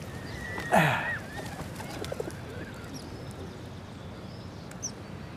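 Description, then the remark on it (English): A pigeon gives a short coo near the start, followed by a steady hiss of outdoor background noise with a few faint chirps. No one speaks. “What, do you think the pigeon's gonna miss you?”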